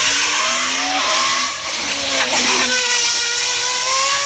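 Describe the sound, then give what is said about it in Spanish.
A loud car engine revs hard through its exhaust, its roaring pitch climbing, dipping briefly and climbing again as it works through the gears, with a harsh, raspy buzz and no voices. “Acá estamos con el caño escape.”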